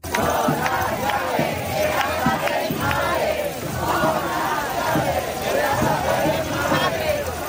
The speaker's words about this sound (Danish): De har boet i telte på byernes pladser og torve, og de er raslet med nøgler til deres forældres huse, som de råber her i Madrid.